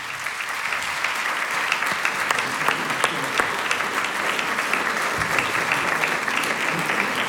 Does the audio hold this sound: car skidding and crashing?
no